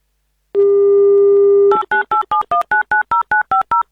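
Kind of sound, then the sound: signal or alarm, telephone call being dialed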